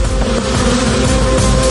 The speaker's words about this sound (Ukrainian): Удар прийняли й бджоли.